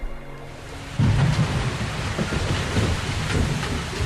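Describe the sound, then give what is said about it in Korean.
A thunderstorm: after a quiet first second, a loud clap of thunder bursts in and rolls on in a deep rumble, with steady heavy rain hissing throughout. “번개가 번쩍였다.”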